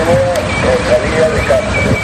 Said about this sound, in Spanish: Bueno, en Santiago ese pitido, este ya es un sonido del pasado. Los semáforos de la capital gallega se han quedado completamente mudos. Ahora solo se activan a demanda, con un pequeño dispositivo.